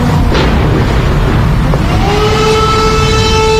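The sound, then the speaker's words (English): Air raid sirens begin wailing across Kyiv during a massive Russian missile attack, over a dense, rumbling outdoor background, a long rising tone swelling up and holding steady, with a low boom near the start. “The haunting sound of the air raid sirens wail across Kyiv.”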